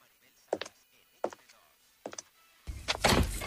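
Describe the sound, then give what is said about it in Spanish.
Three firm, evenly spaced knocks land on a door, and then a louder rush of rustling, creaking noise follows as the door swings open. “La inspiración llama a mi puerta.”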